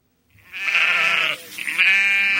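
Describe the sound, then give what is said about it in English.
Two loud female sheep bleats in quick succession on a farm in Pulaski County, Southwest Virginia, each a wavering, nasal cry with strong harmonics, the second slightly longer, with no talking. “He keeps 130 female sheep, and many graze on solar farms.”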